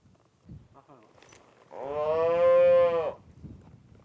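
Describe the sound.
A single loud, drawn-out cow moo on a ranch lasting over a second, rich and harmonic, rising out of a quieter background with faint voices and rustling before and after.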